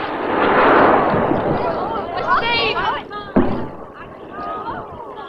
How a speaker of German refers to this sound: Sieh doch mal, da kommt ein Schiff, das feuert Raketen.